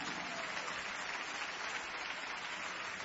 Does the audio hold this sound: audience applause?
yes